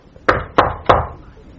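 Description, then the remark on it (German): Three firm knocks on the door of an upstairs room in an apartment, in an even, steady rhythm, each a sharp wooden thud with a short ringing decay, followed by quiet. “Ich klopfe mal.”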